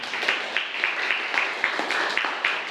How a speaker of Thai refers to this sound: ก็นักเรียนปลายทางนะครับก็ฟังคำตอบของเพื่อนไปแล้วปรบมือให้เพื่อนหน่อยครับนักเรียน